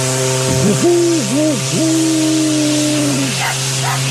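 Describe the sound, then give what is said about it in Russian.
The horn of a white steamboat at a resort pier blows one long, loud blast of about three seconds, its pitch dipping and wobbling a few times, over a steady low engine drone, followed by faint hissing. “Фу, как труба противно лает.”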